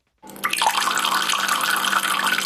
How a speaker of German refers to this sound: Im Moment sprudelt das Wasser noch aus den Quellen zu Wittnau, aber eben immer weniger.